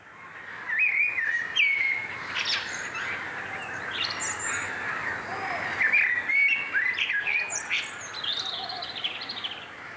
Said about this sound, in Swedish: Vilket underbart ljud i bakgrunden här. Visst är det koltrasten vi hör? Ja, framförallt koltrast. Och så hör man lite emellan en lite ljusare röst från en rödhake också.